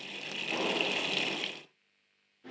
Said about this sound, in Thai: เสร็จเรียบร้อยแล้วค่ะเราจะทดลองเปิดน้ำกันดูนะคะเปิดวาล์วน้ำนะคะแล้วก็เปิดก๊อกค่ะใช้งานได้ตามปกติแล้วนะคะ